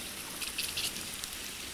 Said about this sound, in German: Eisplatten ziehen in der Tigeranlage.